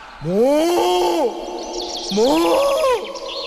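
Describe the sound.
A person imitates a fierce cow with two long, loud moos, each rising in pitch, holding steady, then sliding down, separated by a short pause, with faint high chirps in the background.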